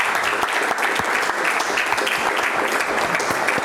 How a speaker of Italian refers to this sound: Un applauso.